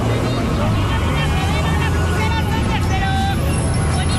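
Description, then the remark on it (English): A dense, steady wash of Mexico City street noise: rumbling vehicle traffic with engines passing, layered under a constant babble of many voices and crowd chatter, with occasional higher-pitched calls cutting through. “Mexico City is already chaotic on a normal day. Lots of traffic, street vendors, the metro is crowded, and somebody somewhere is almost always protesting.”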